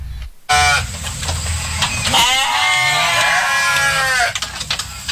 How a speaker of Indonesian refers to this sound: Suara kambing terdengar dari kandang sederhana di lingkungan rumah Sukiman di kawasan Lempake, Samarinda. Bangunan Kandangnya sederhana, terbuat dari kayu dan atap seng,